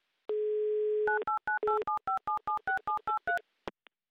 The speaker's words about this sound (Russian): Набран номер телефона Дениса. Гудок, кажется, пошел.